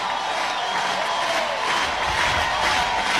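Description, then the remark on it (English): A stadium crowd cheers in a loud, steady roar that fills the whole few seconds, a broad wash of many voices with no single speaker standing out. “Crowd is alive.”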